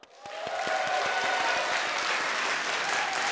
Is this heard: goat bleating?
no